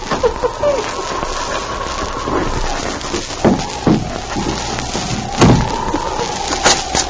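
A wooden door being unbarred and opened: a few scraping knocks, then two heavy clunks a couple of seconds apart, over a steady whistling background hum.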